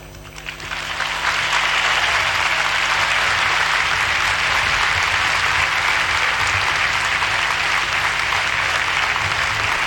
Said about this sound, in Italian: E questo grande applauso la gente che gremisce lo stadio Arena di Lampedusa conclude l'omelia del Santo Padre.